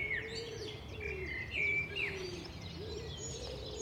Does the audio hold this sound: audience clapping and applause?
no